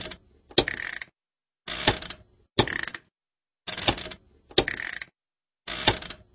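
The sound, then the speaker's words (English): A household washing machine's on-off switch is pressed repeatedly, giving six short mechanical clicks and clunks in an irregular rhythm, each followed by a brief rattle and separated by silence. “The on-off switch.”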